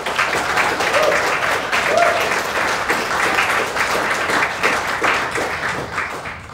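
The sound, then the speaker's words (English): An audience applauds the guests just introduced, in a steady, dense wash of many hands clapping, holding an even loudness for several seconds before easing slightly at the end. “Please give them all a stirring round of applause.”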